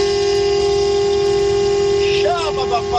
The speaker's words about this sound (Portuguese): E não pode faltar o buzinadão